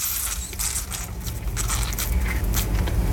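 Wet, crackling squelches from the last bit of an orange being squeezed into a glass, a steady pulpy crunching with brief sharper bursts, lasting a few seconds with no voices.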